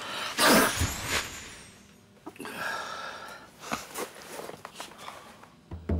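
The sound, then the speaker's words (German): One loud sneeze bursts out near the start, followed by a few quieter sniffles and small shuffling noises amid otherwise quiet surroundings. “Gesundheit.”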